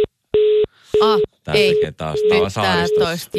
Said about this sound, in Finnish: kun tämä on tämmöinen vanhempi malli, että jos tämä ei löydä kenttää, niin se niin kuin antaa tämmöistä varattua